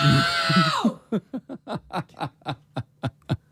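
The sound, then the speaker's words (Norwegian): A single very loud, strained human shout measured at 114 decibels in a shouting-volume test holds for nearly a second, then gives way to about a dozen quick, rhythmic bursts of laughter. “du ropte 114 decibel.”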